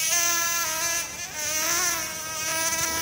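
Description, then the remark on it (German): A mosquito's thin, continuous whine hums steadily for about three seconds, its high buzzing pitch wavering slightly up and down with no voices present. “Aber von nervigen Mücken bekommt man dieses Jahr bisher auffällig wenig mit.”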